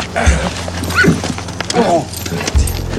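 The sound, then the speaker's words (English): An old horse snorts and whinnies while hooves clop irregularly on hard ground, with a low rumbling background throughout. “This old horse is getting even with me for the sins of my youth.”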